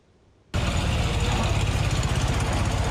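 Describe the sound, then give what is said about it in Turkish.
After half a second of near silence, the engine of a 302 model bus suddenly starts idling, a loud, steady low rumble with a fast rhythmic chug and a bright mechanical rattle that holds until the end. “Bursa'da bir kaplama ustası uzun yıllar direksiyon salladığı 302 model otobüsün minyatürünü yaptı.”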